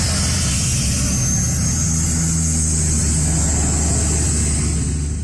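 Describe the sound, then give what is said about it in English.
A water bomber aircraft drones loudly overhead, its propeller engines producing a steady, continuous roar with a low throbbing hum throughout, no voices present. “But in this wildfire season, one expert is putting Canada's firefighting response in the spotlight, specifically the use of water bombers.”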